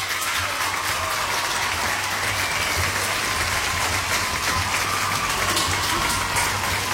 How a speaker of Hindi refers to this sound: आपने सही जवाब दिया, इसलिए आप लोगों के लिए बजेंगी तालियां।